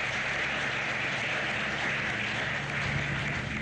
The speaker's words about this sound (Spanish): Así, yo pido un fuerte aplauso a quienes nos acompañan el día de hoy.